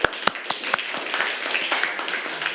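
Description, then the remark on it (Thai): A group of children in a classroom claps for a classmate who gave a correct answer in a maths lesson. A brisk scatter of sharp, overlapping claps begins with a few loud ones and settles into steady, moderately loud applause for a couple of seconds. “ถูกต้องปรบมือให้เพื่อนค่ะ”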